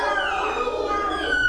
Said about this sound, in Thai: แมว ใช่ไหมคะเสียงปริศนาเมื่อสักครู่นี้ก็คือเสียงแมวค่ะแมวร้องยังไงนะคะเด็ก